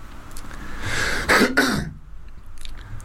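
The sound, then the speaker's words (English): A person imitates a peacock's call with a single loud, strained, raspy shriek that breaks into two quick parts and lasts under a second, followed by quiet. “That's my impression of a peacock.”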